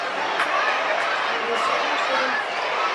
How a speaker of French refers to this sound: On crie Léon autour de toi